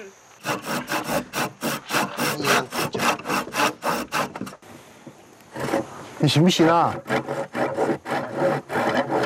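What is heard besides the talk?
hand saw cutting wood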